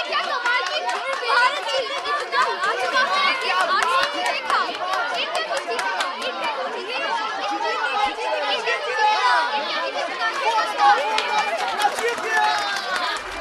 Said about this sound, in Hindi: अनुष्का भीड़ की बातों को ध्यान से सुन रही थी।